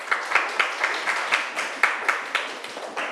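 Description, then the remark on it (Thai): A class of students clapping together for group 2 at a teacher's request, a steady patter of many hands with sharper accents roughly every quarter second, moderately loud and sustained throughout, with no voices. “เก่งมากค่ะปรบมือให้กลุ่ม2ค่ะ”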